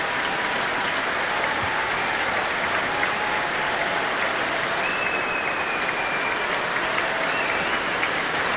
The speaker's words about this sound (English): Special mention, of course, to Henry Clay on the cor anglais for that absolutely beautiful solo in the second movement. That's the cheer for Henry Clay. But Zachary bringing the whole orchestra to their feet.